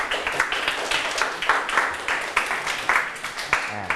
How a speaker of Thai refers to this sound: ยกมือทุกคนเลยนะครับมาปรบมือให้ตนเอง